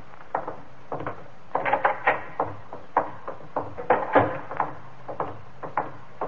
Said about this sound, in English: Door.